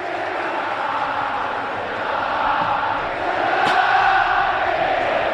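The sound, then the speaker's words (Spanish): A large football stadium crowd in Argentina shouts and roars in a dense, continuous wash of voices, growing slightly louder in the second half, with no single voice standing out. “Pensé que el griterío estaba relacionado con que lo salta es un inglés con la bandera de Messi, como ha pasado en otros estadios.”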